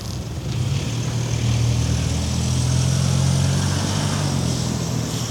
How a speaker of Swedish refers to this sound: Ja, vi hörde motorljudet där när han körde iväg. Kanske trodde han att han kunde fly.